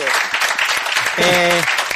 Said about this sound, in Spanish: El aplauso.